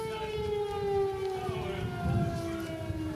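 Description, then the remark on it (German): An air raid siren in a harbor sounds without pause, a loud, sustained tone holding a nearly steady pitch that sags slightly partway through, with a low rumbling noise running underneath. “Und das ist eigentlich ein ganz gutes Stichwort, weil die Crew und wir diese Schutzräume am Donnerstag, als wir diese Patrouille begleiten sollten, im Grunde im Hafen ständig aufsuchen mussten, weil ständig Alarm herrschte.”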